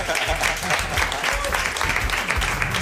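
A burst of audience applause for a security staff member: dense, steady clapping from many hands, with a few voices mixed into the crowd noise.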